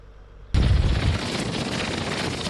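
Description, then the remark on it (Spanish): After a brief low hum, the winds of a tornado in the French department of Oza, in the southeast of France, spawned by an afternoon electrical storm that damaged several homes, burst in with a sudden, loud, full-bodied roar that rushes on steadily without letup, deep rumble and hiss together, no voices. “Es el sonido de un tornado en el departamento francés de Oza, al sureste del país.”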